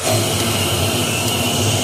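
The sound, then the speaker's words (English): An electric leaf blower runs steadily and loudly in a test, blowing air into a contraption that lifts two balls; a continuous rushing whine of blown air, with whistling from the contraption and a faint motor hum beneath it, and no voices. “Now, they try an electric leaf blower.”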